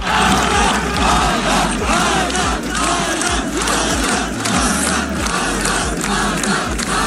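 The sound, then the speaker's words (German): A large crowd of spectators chants a runner's name in unison as he finishes a 600-kilometre run through Death Valley at the Santa Monica Pier in Los Angeles, a loud, steady roar of many voices with a rhythmic, repeated pulse. “Als er ins Ziel gelaufen ist, hat man ihm das auch richtig angesehen, wie er sich gefreut hat, es geschafft zu haben, genauso wie sein ganzes Team und eben auch alle Zuschauer haben dann seinen Namen im Chor gerufen.”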